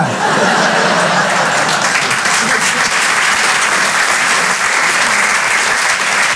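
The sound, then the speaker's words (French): Sustained audience applause fills the whole stretch, a dense, even wash of many hands clapping at steady loudness, with a few faint chuckles mixed in. “Vous applaudissez, mais moi depuis je suis en panique.”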